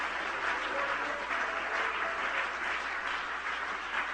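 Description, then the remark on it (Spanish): Sustained applause from an audience in a church service, clapping for Jesus, a dense, steady wash of many hands clapping at once for several seconds, with no speech over it. “Dale un aplauso a Él en esta hora.”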